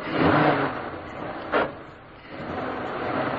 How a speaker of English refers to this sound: As the car stopped, the first post office van was already approaching.